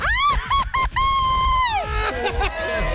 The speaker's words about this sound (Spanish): vamos a darme tu grito bien mexicano. ¡Una, dos, tres!